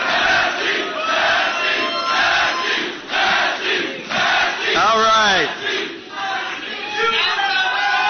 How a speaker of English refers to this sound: That's the last time he's going to hear a crowd like that yelling his name.